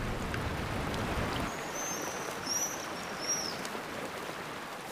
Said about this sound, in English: Built for the air and not land, the agile aerial acrobats use a natural feature as a wall of defense. The roaring waterfall will keep predators from their construction site.